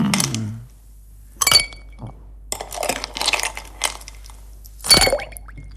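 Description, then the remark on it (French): Ice cubes clink and rattle against a glass holding a non-alcoholic cocktail by a swimming pool, with two sharp bright strikes and a cluster of smaller jingling knocks between them, no voices. “Et puis, tiens, au bord de la piscine, Marianne, vous voyez là, avec un petit cocktail sans alcool évidemment, et quelques glaçons, c'est l'heure de vous offrir un instant fraîcheur.”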